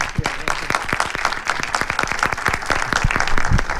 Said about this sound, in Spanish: Jo estic segur de que la pel·lícula vos va agradar moltíssim, així és que, per favor, un aplaudiment per a este home, perquè se ho mereix.